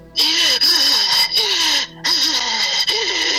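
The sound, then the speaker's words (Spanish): A voice imitates the eerie, raspy breathing felt over them while sleeping: a few long, loud hissing breaths with brief pauses between them, a low wavering groan running underneath each one. “Me hacía así la respiración.”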